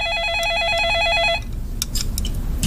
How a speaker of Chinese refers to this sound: 不接。 怎么不接呢？ 你这时候来电话还能有谁呀、啊？要不你妈、你弟、你妹，这能有什么好事？